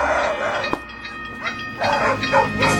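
Dogs bark in a handful of short, irregular bursts, one sharp yelp and several fuller barks, over a steady low rumble like a passing train.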